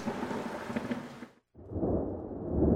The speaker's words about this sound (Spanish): Escucha los truenos.